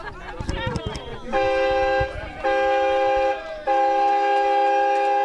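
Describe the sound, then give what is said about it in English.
A steam train whistle sounds three loud, sustained blasts in close succession, preceded by a short burst of rough chuffing and clatter, with no talking. The steam train carted logs to Warragul for processing, in the West Gippsland community of Newgee. “Where once there was the whistle of a steam train carting logs to Warragul for processing”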